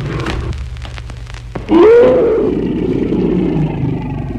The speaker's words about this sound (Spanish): Hombre y bestia rodaron por el suelo confundiéndose entre sí. Luego el tigre lanzó un rugido ahogado de muerte.